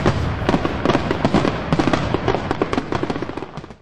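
A loud, dense volley of fireworks going off, rapid overlapping pops and crackles rattling off in quick succession for several seconds before tapering away at the end.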